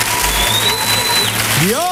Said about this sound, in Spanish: ¡Fuerte! ¡El aplauso para la gente de Torresol!